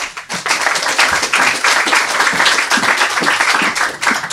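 A crowd applauds steadily, a dense wash of many hands clapping at once, loud and sustained for several seconds with no pause or speech.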